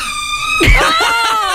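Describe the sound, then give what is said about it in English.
A door creaks during a phone call in a long, loud, wavering squeal whose pitch bends up and down, with a brief low thump partway through and no voices. “when we were on the phone call to her and like a door creaked”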